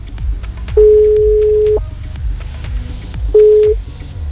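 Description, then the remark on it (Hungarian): A telephone ringback tone sounds twice as Rádió Gaga calls a listener for a true-or-false game, a steady mid-pitched beep of about a second, then a shorter one after a pause, over a quiet rhythmic music bed. “Játszunk igaz vagy hamis, László téma most telefonon.”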